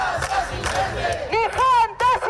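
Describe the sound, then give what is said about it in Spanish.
A large crowd chanting and shouting together at a street protest march in the Canary Islands on Saturday 26 September, where groups and citizens demand the right to housing and greater protection of social rights. Loud and continuous, with rising voiced cries and whistle-like calls standing out over the dense roar. “Buenas tardes, son las 12:30 y a esta hora este es el sonido en la calle en Canarias este sábado 26 de septiembre.”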